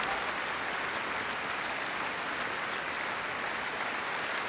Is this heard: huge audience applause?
yes